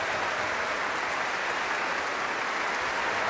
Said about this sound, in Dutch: Daar krijgen afzonderlijke solisten uit het orkest applaus. Ik zal ze niet allemaal opnoemen, helaas, maar alle solisten die vanavond een solorol hadden in deze fantastische symfonie krijgen van het publiek en van het orkest zelf ook applaus.